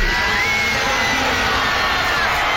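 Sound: stadium concert crowd cheering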